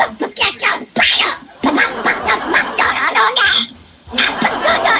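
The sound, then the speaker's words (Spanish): A person imitates the voice of Donald Duck for Donald Duck Day, producing a rapid stream of raspy, garbled quacking speech in several bursts, loud, with a brief pause midway. “Pato Donald, envía tu saludo como Pato Donald en el Día del Pato Donald.”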